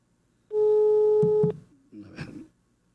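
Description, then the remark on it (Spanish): A telephone call tone while dialing a teacher ('maestro'): one loud, steady electronic tone lasting about a second, cut off by a couple of clicks, followed by a short muffled rustle. “Aquí le estoy marcando al maestro.”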